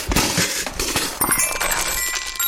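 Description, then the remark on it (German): A small metallophone tumbles out of a leftovers box in a burst of clattering knocks and clinks, then its metal bars keep ringing with bright, sustained high tones as the jumble settles. “Hier, das hat sogar dabei noch Musik gemacht. Mein kleines Metallophon ist mir rausgepurzelt.”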